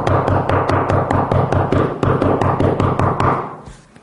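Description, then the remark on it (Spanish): Loud, aggressive knocking on a door, a rapid barrage of hard thuds pounding in quick succession for several seconds before stopping abruptly, forceful with no voices. “No sé si a ustedes les ha tocado que les toquen la puerta de una manera como si estuviera el diablo afuera, ¿no?”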